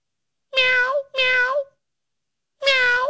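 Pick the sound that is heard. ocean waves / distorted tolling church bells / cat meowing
cat meowing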